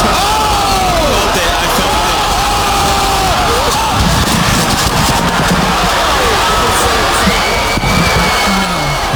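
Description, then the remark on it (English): A loud, dense crowd roars and yells continuously, with scattered shouts and cheers rising above the steady wall of voices throughout, as spectators at a celebrity boxing event put on by streamer Aiden Ross watch Ray J fight Super Hot Fire. “This is kind of what it sounded like in the ring.”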